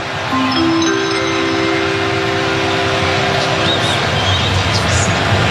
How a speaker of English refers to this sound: Because they're showing the video now on the video board. There you go. It feels like being in an airport or something like that when those chimes play.